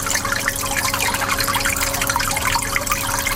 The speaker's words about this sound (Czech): Voda v nádržích neustále cirkuluje a bublá. Přes den ji navíc před sluncem chrání mokré deky.